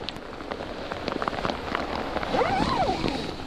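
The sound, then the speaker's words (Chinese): Steady, dense patter of rain drumming on a taut tent at a campsite, with a brief warbling tone rising and falling near the end. No one speaks. “哎呀，检查一下帐篷它有没有这个进水的情况。”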